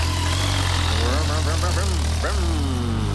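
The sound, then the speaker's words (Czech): A motorcycle engine idles steadily with a deep, continuous rumble throughout, while a voice speaks indistinctly over it, in a Czech campaign spot about the growing number of motorcyclists on Czech roads. “Helle Motorka.”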